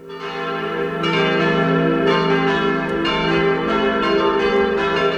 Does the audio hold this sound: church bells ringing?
yes